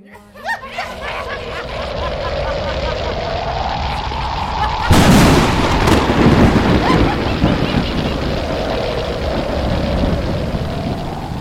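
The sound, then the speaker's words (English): A loud thunderclap bursts in around the midpoint with a sharp crackling crash, then rolls on as a sustained rumbling storm, preceded by a rising eerie tone and dense noise. “There was a loud thunder and crackling lightning as the forces of destruction were sent towards Guru Tegh Bahadur and the Sikhs.”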